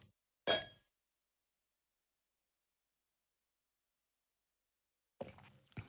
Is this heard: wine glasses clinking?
yes